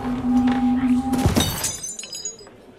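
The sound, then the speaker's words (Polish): A steady droning tone breaks off as a man falls to the floor together with his chair, which crashes loudly down, followed by a brief clatter and bright ringing that quickly fades into quiet. “Upadł pan na podłogę razem z krzesłem.”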